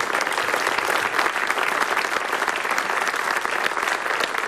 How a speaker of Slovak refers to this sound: Ďakujeme za ďalšie nominácie a teraz teda hromadný potlesk pre všetkých v tejto várke. Ďakujeme.